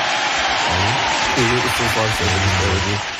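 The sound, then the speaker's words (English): A canned applause sound effect plays: a steady, dense wash of clapping that lasts the whole clip, with a voice talking over it for most of its length. “Hold on, I'm playing applause.”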